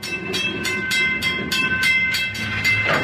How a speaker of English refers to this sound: About 5 months later, in December 2013, the scorched earth of Lac Mégantic was once again giving passage to trains.